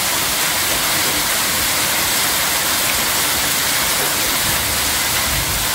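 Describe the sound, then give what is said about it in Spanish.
A heavy downpour in the Coronel Olmedo area roars steadily, a dense wash of hard-falling water with scattered sharp ticks of small hail striking surfaces, continuous throughout with no voices. “a ver cómo está cayendo granizo ahí en la zona de Coronel Olmedo.”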